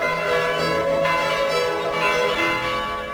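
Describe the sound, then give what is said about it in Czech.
Church bells ring continuously, their overlapping tones hanging in a rich, sustained clang with a strike renewing the sound every second or so, loud, with no voices. “Nasza zvona.”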